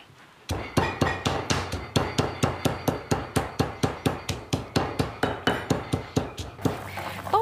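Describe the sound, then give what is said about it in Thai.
Extra chilies are pounded in a mortar for tom kha soup with a steady run of about twenty heavy, thudding strikes, evenly spaced and loud, with no talking over them. “โบเห็นไก่เนี่ยจะได้แล้วค่ะโบก็เลยมาโขกพริกเพิ่ม”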